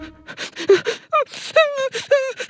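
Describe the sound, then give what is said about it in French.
Whimpering sobs with wavering, high-pitched cries broken up by sharp, breathy sniffles and gasps, repeating in uneven bursts for a couple of seconds, crying so hard it cannot stop sniffling. “pleure tellement qu'il ne peut plus s'arrêter de renifler.”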